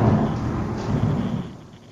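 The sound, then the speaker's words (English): A loud, deep rumble of thunder from lightning directly overhead rolls through during rain in Medford, New Jersey, strong low-end energy sustained for over a second before gradually fading, with a wash of rain noise underneath and no voices. “There's another lightning. We're going to get a big thunderclap.”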